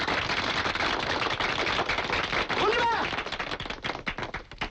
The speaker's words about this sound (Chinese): 我提议大家鼓掌，再热烈的鼓掌。